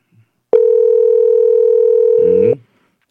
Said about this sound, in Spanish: atiende, coge el teléfono. Ah, está durmiendo, dice, ¿no? Está durmiendo.